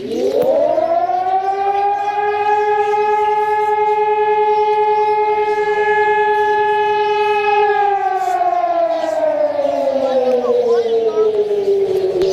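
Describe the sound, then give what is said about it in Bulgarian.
A civil defense siren sounding nationwide across Bulgaria at exactly 12 noon during a tribute to Hristo Botev, Vasil Levski and all who died for Bulgaria's freedom: one long, loud wail that rises quickly, holds a steady pitch for several seconds, then slowly winds down toward the end. “точно в 12 часа всички присъстващи отдадоха почит към паметта на Христо Ботев, Васил Левски и всички загинали за свободата на България под звука на акустичния сигнал от сирените в цялата страна.”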